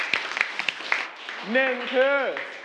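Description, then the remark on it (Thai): In a classroom, a few sharp, evenly spaced claps for a classmate ring out over about a second, followed by someone speaking in a raised, drawn-out voice. “ร่างกฎขึ้นมาใช่ไหมขอบคุณมากปรบมือให้เพื่อนหน่อย”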